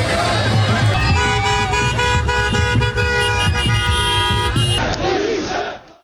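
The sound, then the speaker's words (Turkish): A loud crowd of Galatasaray football fans in Kayseri, Turkey, chants and cheers in celebration with flares burning, horns tooting over the dense roar, sustained throughout before cutting off at the end. “Kayseri'de meşaleler yandı, taraftarlar Galatasaray lehine tezahüratlar yaptı.”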